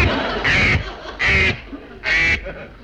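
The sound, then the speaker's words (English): A duck quacks three times in a loud, nasal series, each quack short and harsh with brief pauses between, with a faint background hum and no talking. “You eat that duck and you eat our chance to be rescued.”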